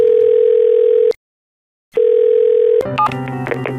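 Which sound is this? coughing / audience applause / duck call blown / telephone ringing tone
telephone ringing tone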